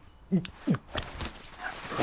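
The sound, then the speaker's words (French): A dog named Nelson, told to fetch slippers, whimpers in a couple of short, falling whines, followed by faint snuffling and rustling noises at a moderate level. “Oh là, abruti de chien.”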